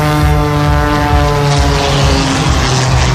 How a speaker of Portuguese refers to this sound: Este domingo há uma nova corrida com acrobacias de aviões no mesmo local. Começa às 3:30 da tarde.